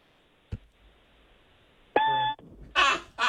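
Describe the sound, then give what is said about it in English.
A voice imitates the annoying chirp of a smoke detector going off in the middle of the night with one short, steady, high-pitched electronic-sounding tone, preceded by a faint click and followed by two breathy bursts like laughter. “All right, do a smoke detector going off in the middle of the night, like that annoying chirping.”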